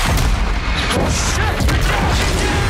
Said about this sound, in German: Und wir sind mittendrin in der Action. Große Explosion. Es wird erst geschossen, dann werden Fragen gestellt.